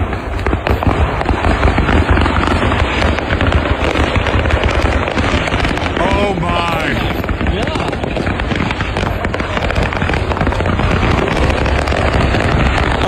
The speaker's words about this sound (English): Because a truck chock full of fireworks was in flames, and the whole thing was going off all at once right there on the interstate in Tennessee.